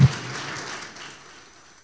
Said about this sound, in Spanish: Le pido un aplauso fuerte para el Señor, por favor.